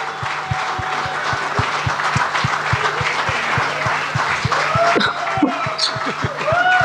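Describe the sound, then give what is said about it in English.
A large crowd in a jam-packed pavilion at the Kutub Golf Course applauds loudly and continuously for golfer Pranavi, the clapping dense, with a steady low thumping beat underneath and a few whistles and cheers rising near the end. “Get a big round of applause for the golden girl of Indian golf, guys?”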